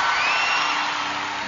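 An audience applauds loudly and steadily, a dense wash of clapping mixed with cheering, whoops and a few high whistles, with no speech over it.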